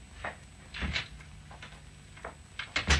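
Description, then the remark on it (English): A door is handled as a man walks to it and out: footsteps and soft creaks lead to the clatter of it opening, then a firm thump as it shuts near the end, with no talking. “He walked to the door and out.”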